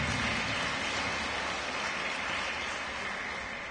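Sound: audience clapping hands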